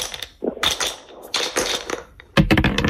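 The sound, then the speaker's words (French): Dice rattle and clatter in a few quick bursts as they are rolled in a board game, fairly loud, ending in a sharp burst of clicks as they tumble to a stop. “Vous lancez des dés.”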